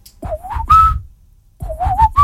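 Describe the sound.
Someone whistles the opening of a song about to be played on Chérie FM radio, two quick phrases of climbing notes separated by a brief pause, with a bit of breathy noise and no talking.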